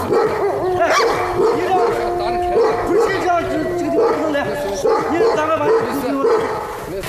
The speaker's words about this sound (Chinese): 竟然搞混了要配对的狼，引起了狼的打斗。